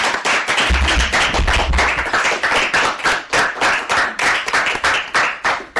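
A group of children clapping loudly and continuously, a dense patter of applause that settles into a steadier, rhythmic beat of sharp claps toward the end, with no talking.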